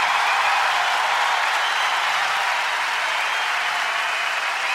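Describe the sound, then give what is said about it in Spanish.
A large audience at an Orquesta Sinfónica Nacional concert applauds arranger Carlos Cutaya steadily, a dense, even wash of many hands clapping that holds at full strength for several seconds without fading, with no voices standing out. “Fuerte el aplauso para Carlos Cutaya.”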